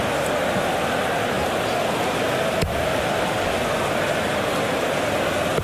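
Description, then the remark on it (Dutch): A muffled, blurred crowd roar holds steady and dense throughout, a continuous wash of noise with no distinct voices standing out and a brief click partway through. “Het geluid van het publiek is een klein beetje geblurred.”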